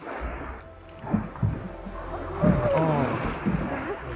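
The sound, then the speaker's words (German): A small inflatable boat carrying a few people out on the open sea in the far north during the polar night: a steady low drone with water slapping and washing around the hull, wind rushing past, and faint voices in the background. “Im Schlauchboot wagt sich die Hessin aus Treis-Horloff mit ein paar anderen Menschen aufs Wasser.”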